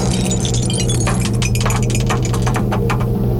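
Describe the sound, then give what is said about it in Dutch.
A die rattles and tumbles out of a cup kept in the Radio NL cellar, a quick run of sharp, bright clicks and clatters lasting about two seconds over a steady low hum, with no one speaking; it lands on a five. “Want daar staat de beker met een dobbelsteen erin.”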